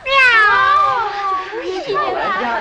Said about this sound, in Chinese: 朋友们，别打，它是小兰家的老猫。